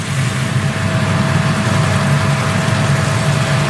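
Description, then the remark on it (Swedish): Several escort motorcycles with blue lights drive past, their engines rumbling steadily in a continuous low drone with a faint whine on top, holding an even loudness throughout without any voices. “Folk begynner å ta bilder og filme, og det kommer nå flere motorsykler med blålys forbi.”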